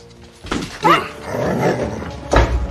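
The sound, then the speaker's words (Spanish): A dog outside barks a few times in short, sharp bursts, moderately loud, with a low muffled rumble in the gaps between barks. “ven acá, perro holgazán. ¿Por qué te quedas allá afuera?”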